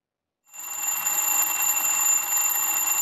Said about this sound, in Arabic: إنه المنبه، دق جرسه ليخبرك بأنه حان وقت النهوض من النوم والذهاب إلى العمل. أنت الآن تغلق صوت المنبه الذي يزعجك